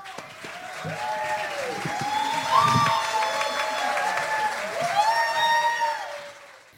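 An audience applauds and cheers steadily for several seconds to welcome a woman guest, a dense wash of clapping with whoops and shouts rising over it, loud throughout before easing off at the end.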